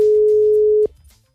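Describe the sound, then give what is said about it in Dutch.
A steady telephone ringback tone of an outgoing call to the caller's girlfriend, a single loud pitched beep holding for most of a second before cutting off abruptly, then near silence. “Dus ik denk, nou, weet je wat? Ik ga mijn vriendin bellen.”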